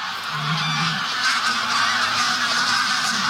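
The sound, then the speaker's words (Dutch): A large flock of geese honks continuously overhead in flight, put up by a white-tailed eagle flying above them, many overlapping calls forming a loud, dense chorus that stays steady throughout, with no voices present. “Er vliegen een hoop ganzen in de lucht omdat daar boven onze zeearend vliegt.”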